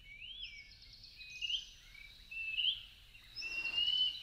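A greater pewee (Contopus pertinax), a Mexican bird also called papamosca José María or Pibí tengo frío, sings clear, slurred whistled phrases, three or four rising and falling notes repeated across a few seconds, against a faint low background rumble.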